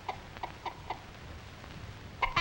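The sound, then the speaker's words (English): A hen clucks in a steady series of short, soft notes, then lets out a couple of louder, sharper clucks at the end, with no one speaking. “The old hen does not scare the last little kitten.”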